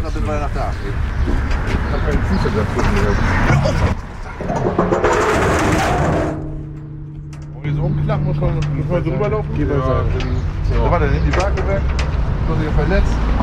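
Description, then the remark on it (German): A burst of broad hissing noise gives way to a steady mechanical hum and whine as a giant metal walkway bridge, like an oversized doormat, is lowered from an orange bus so people, prams and wheelchairs can cross, with people talking around it and outdoor background sounds. “Orangener Bus, Riesenbrücke. Muss man sich vorstellen, wie so ein Fußabtreter, nur im Großformat, aus Metall.”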